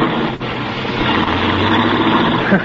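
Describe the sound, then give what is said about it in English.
An old car's engine roars steadily, a broad continuous rumble holding at high revs as the car pulls away in a hurry, with no voices over it. “Golly, he's certainly in a hurry. With them brakes the way they are, he'll kill somebody if he ain't careful.”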